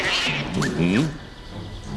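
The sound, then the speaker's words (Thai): A single drawn-out cat meow rises and falls in pitch, clear, over a steady low background hiss, heard in a royal throne hall. “เสียงแมวเลยทำไมในท้องพระโรงมีแมวเจ้าไปดูทีสิ”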